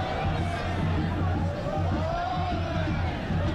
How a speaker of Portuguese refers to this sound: Abriu o microfone aqui na torcida.